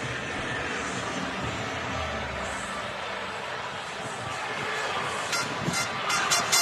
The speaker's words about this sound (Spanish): Bueno, pues este es el sonido ambiente de la Rúa ahora mismo y de esa plaza que está esperando para que podamos disfrutar de lo que va a ser seguro una fiesta absolutamente histórica.